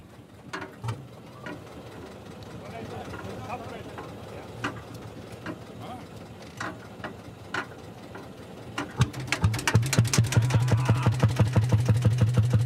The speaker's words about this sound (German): Und jetzt muss aber noch ordentlich gekurbelt werden, oder wie läuft das? Gekurbelt werden, genau. Hier drüben am offenen Schwungrad wird der Motor quasi in Gang gesetzt und das führe ich jetzt vor.